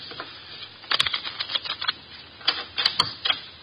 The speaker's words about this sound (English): The cards are shuffled. I'll place them in the center of the table.